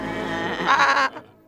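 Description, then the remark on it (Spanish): A single sheep bleats, a wavering, nasal call lasting about a second that rises in strength before cutting off, followed by a brief fading tail. “Muy bien, ovejas, carneros o lo que sean.”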